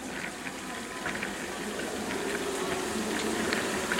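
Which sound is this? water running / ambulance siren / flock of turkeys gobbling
water running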